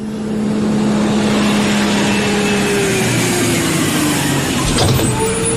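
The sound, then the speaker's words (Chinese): A bus's engine drones loudly and steadily, its low hum sliding downward in pitch as it slows, with a brief hiss or knock near the end as it comes to a halt to pick up a teacher and a group of students. “车来了，时间不早了，大家赶紧上车，都上车。”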